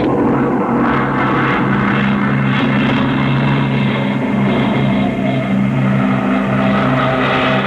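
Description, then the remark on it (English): A loud, steady mechanical rumble of fast-moving road strips, each adjoining strip a few miles an hour faster than the next, a continuous low droning roar with a whooshing rush on top, constant throughout with no voices. “Each adjoining strip is a few miles an hour faster than the one next to it.”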